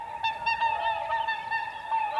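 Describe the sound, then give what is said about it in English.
Migrating swans heading north at the first spring thaw, looking for a place to breed, honk continuously in a dense, overlapping chorus of nasal calls, steady in volume throughout, with no voices present. “Swans heading north, looking for a place to breed.”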